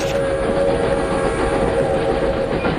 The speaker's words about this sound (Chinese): 乘坐着前往萨尔图的火车，王德民来到了大庆石油会战的战场。